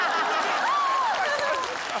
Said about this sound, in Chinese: 行，我给你们鼓掌了，鼓掌。